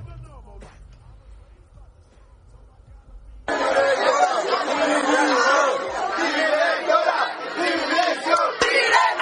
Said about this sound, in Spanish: los estudiantes se han congregado en las puertas del centro y en las puertas del despacho gritando esto.